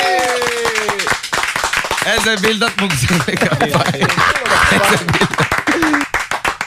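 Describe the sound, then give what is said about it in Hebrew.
A crowd claps in a quick, steady rhythm that runs the whole way through, sharp and loud, while voices talk and sing over it. “שנייה, שנייה עם הכפיים, שנייה תחכו רגע. נו, כפיים!”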